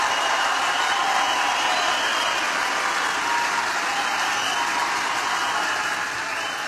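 A large crowd at an evening political rally cheers and applauds in a dense, continuous roar that holds steady and loud for several seconds, easing only slightly at the end, with no voice rising above it.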